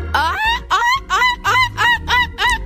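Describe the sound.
A boy's voice imitates a seagull, giving five or six loud, harsh, rising squawks in a steady rhythm with no other talking.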